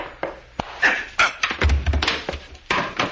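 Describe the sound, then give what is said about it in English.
A man is struck hard with the butt of a gun: a series of heavy blunt thuds and knocks landing at irregular intervals, with scuffling between blows and no speech. “You didn't have to hit him so hard”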